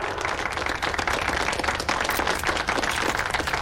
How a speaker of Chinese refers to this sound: 再一次以热烈的掌声感谢宗会长。